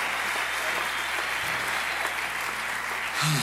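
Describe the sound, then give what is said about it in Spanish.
A crowd claps steadily during a radio broadcast, a dense wash of many hands with no gaps, moderately loud throughout. “Si ese aplauso es para nosotros, está bien, pero si es para él, tiene que dárselo más fuerte.”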